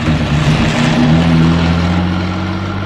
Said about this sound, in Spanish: El auto se pone en movimiento y Calimán se desliza como tigre, logrando trepar a la defensa posterior.